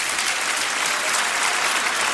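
Steady, dense audience applause fills the whole stretch, a continuous crackle of many hands clapping at an even, fairly loud level with no voices standing out.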